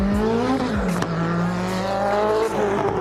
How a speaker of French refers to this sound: On entend bien le turbo qui siffle. Ça bombarde, hein. Ça arrive vite quand même, hein.